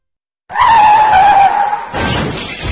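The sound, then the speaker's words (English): A loud tire screech wails for over a second as a car skids, then cuts into a harsh crash with glass shattering and debris clattering. No one speaks. “When you're not completely focused on driving, a crash can happen in an instant.”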